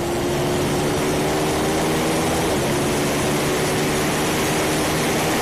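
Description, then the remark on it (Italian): A bagger motorcycle racing on a circuit on the final lap, heard from an onboard position; its engine roars steadily, a loud, continuous drone with a sustained tonal hum and rushing wind noise, no voices. “Bello il rombo delle bagger, che come anche dicevamo in precedenza comunque ci fanno stupire, perché non è mai normale vedere queste moto al via, soprattutto correre in un circuito come anche nel campionato mondiale”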